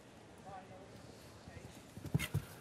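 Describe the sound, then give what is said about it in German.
A horse gallops across soft ground on a show jumping course toward the next jump, hooves thudding rhythmically, with a couple of heavier, louder hoof impacts near the end, set against a steady outdoor background murmur and faint talk. “Zum nächsten Sprung hin, auf der Linienführung, die Balance im Pferd.”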